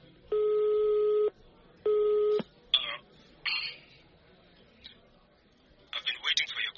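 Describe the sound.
A mobile phone call rings twice with a steady electronic ringback tone, the second ring cut short as the call connects, followed by brief bursts of muffled voice.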